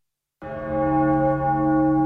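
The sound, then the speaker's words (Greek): A single deep church bell strikes after a brief silence and rings on with a long, sustained hum, fairly loud, no voices present. “Πένθυμος ερχόταν ο αχός από τις καμπάνες που χτυπούσαν μέχρι το αντέρισμα που πολεμούσαν ακόμη οι αντριωμένοι.”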